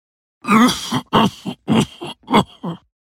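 A persistent cough: a run of about six harsh, throaty coughs in quick succession, fairly loud, each a short rough burst with brief pauses between, and no talking.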